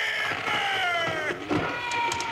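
A sawn tree falls in timber country, giving way with a long, strained creaking groan that slides slowly downward in pitch, broken by a rough, rustling burst partway through, all loud and steady.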